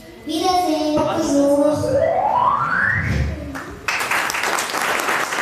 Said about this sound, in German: Ja, und nicht nur die Kinder waren sichtlich begeistert und auch wirklich stolz, sich selbst sprechen zu hören. Die Eltern haben wirklich gefunkelt und das hört man auch dann am Ende am Applaus.